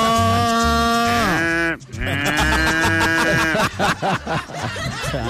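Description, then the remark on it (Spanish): Recorded cow and farm animal calls: two long, drawn-out, loud bellows followed by a quicker run of wavering cries, set over a steady low rhythmic pulse. “Porque le ponen sonido de vaca, animales.”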